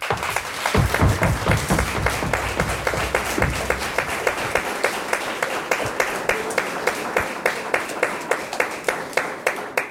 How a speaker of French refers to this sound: Donc, je voudrais d'abord que vous fassiez un applaudissement énorme pour notre équipe de bénévoles.